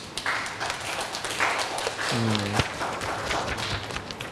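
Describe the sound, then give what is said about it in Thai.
A classroom of people clapping together for a group that has just presented its project, a dense, steady patter of hands lasting several seconds, with a brief voiced call rising over it partway through. “ก็กลุ่มนี้ก็ได้นำเสนอชิ้นงานเป็นที่เรียบร้อยแล้วนะครับปรบมือให้เพื่อนหน่อยครับ”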